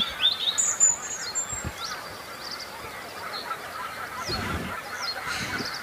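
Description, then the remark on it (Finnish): A goose with its goslings, swimming low on the water surface against a forest edge on a calm morning, calling: a few honking notes early on and scattered thin, high peeps throughout, all fairly faint over a steady outdoor hiss, with no one speaking. “No, kyllä siellä on hanhi poikineen varmasti äänen perusteella.”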